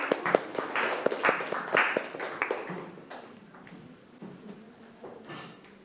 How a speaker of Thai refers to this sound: ก็ปรบมือให้เพื่อนๆด้วยครับ